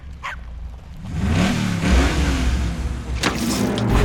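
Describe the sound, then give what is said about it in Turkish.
A Camaro car engine revs up loudly and roars steadily as the car pulls away by itself, with a brief sharp bark-like burst near the start and another toward the end. “Arabam kendini çaldı.”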